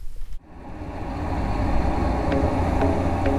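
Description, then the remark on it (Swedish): Loud, steady simulated road traffic, played through loudspeakers at 75 to 80 decibels, fills the scene after a brief lead-in, dominated by deep low-end roar with occasional faint higher hisses of passing vehicles; no voices. “Och så ska vi spela upp en simulerad trafikmiljö som är ganska starkt ljud.”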